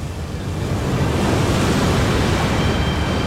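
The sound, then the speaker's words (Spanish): Rough sea surf churns loudly and steadily in the middle of the Atlantic Ocean as a research ship lowers a 600-kilogram sled overboard, a dense wash of breaking water with gusty wind noise buffeting the microphone throughout. No voices are present. “Y con mar picado.”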